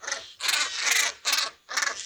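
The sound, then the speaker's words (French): A plunge-diving white seabird with yellow colouring on the neck and light blue eyes, which dives up to 10 metres deep to catch fish, gives four harsh, grating calls in quick succession, each a rough rasping burst, fairly loud with no voices. “Voici son cri.”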